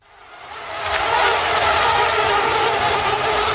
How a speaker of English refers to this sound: So that's a sound that might be familiar to many of you, the sound of mosquitoes buzzing around looking for a target to bite.